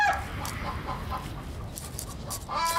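Several chickens cluck and chatter, their short, irregular calls overlapping against a steady barnyard background hum with no one talking.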